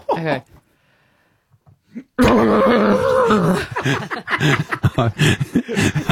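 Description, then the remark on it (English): After a short quiet pause, a voice bursts into a loud, strained, wavering whinny, imitating a horse trapped in a plastic bag, then breaks into choppy, breathy snorts and gasps. “I would like you to give to me a horse trapped in a plastic bag.”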